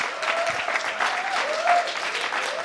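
Sustained audience applause for a jazz and bossa band, from an audience seated on deckchairs in front of a stage; a dense, steady patter of many hands clapping at an even loudness for a few seconds, with a faint whistle-like tone rising through it.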